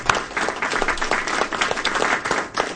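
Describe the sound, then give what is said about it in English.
Steady applause from a crowd, dense overlapping claps forming a continuous bright patter at an even, fairly loud level throughout, with no voices on top. “Round of applause.”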